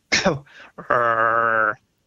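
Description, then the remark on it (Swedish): A man's voice imitates a monkey call: a short, harsh cough-like burst, a brief pause, then a sustained, steady roaring bellow lasting nearly a second, loud. “och hur apan låter, det illustrerar han själv. Det är som en hostning och sen ett brölande.”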